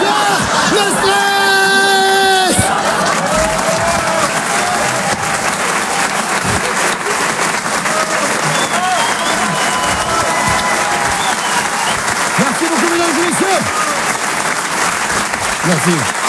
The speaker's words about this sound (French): Merci à toi, c'est un tonnerre. D'applaudissements.